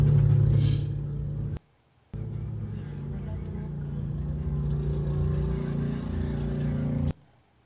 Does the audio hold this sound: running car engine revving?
yes